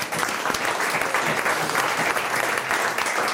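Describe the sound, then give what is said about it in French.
An audience applauds steadily, a dense wash of many hands clapping at an even loudness for a few seconds, with no voices standing out. “Déjà, on peut applaudir Romain Collot.”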